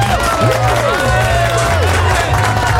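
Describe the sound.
A crowd applauds and cheers loudly and steadily for one of the performing artists at an event, dense clapping blended with voices and whoops, a full wash of noise with some pitched tones running underneath.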